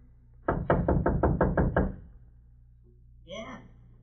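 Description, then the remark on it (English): A quick, steady run of about seven loud knocks on the wooden door of a shanty by the freight yards, followed after a short pause by a brief voice calling out. “Go on, knock.”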